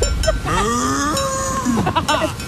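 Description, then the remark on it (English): A caller from Wyndham Vale, Melbourne, imitates a cow with one long, drawn-out moo, loud, its pitch rising then sliding down, over a faint background hum, to win free tickets to a show. “You've been mooing at me.”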